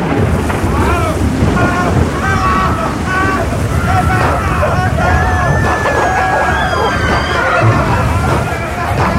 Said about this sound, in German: Doch das Schiff geriet in einen gewaltigen Sturm und dann passierte Folgendes.